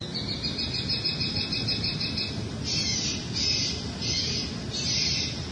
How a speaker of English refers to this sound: The noise machine was viewed as a way to reduce some of the activity that was going on in that location without heavier-handed approaches like law enforcement or fencing, etc. A local resident shared a recording of the bird call.